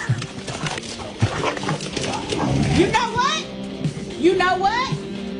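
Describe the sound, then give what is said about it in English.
Two dogs fighting, with a steady run of growls and snarls broken by a couple of sharp, rising yelps toward the end. “She's got two or three great dogs, Bama and Barkley. They got in a little fight here.”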